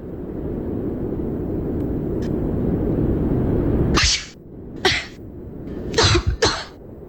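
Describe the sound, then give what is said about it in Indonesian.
A steady low rumble fills the first few seconds, then cuts out as a woman coughs and sneezes in four sharp bursts, the last two coming quickly one after the other. “Ih, Mbak, tutup dong mulutnya kalau batuk dan bersin.”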